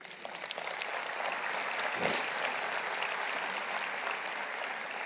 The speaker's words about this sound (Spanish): Un aplauso al Señor.